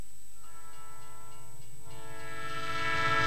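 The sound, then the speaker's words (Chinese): A long, steady train whistle blows without a break as a train pulls into Jiluanwan railway station on a hot, sunny day, swelling louder toward the end over the low rumble of the arriving train. “随着一声汽笛的长鸣，火车进站了。”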